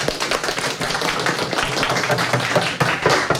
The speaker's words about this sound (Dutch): Applaus